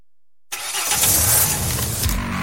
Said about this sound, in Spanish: ¿Tu auto te está mandando señales? ¿Ese ruidito?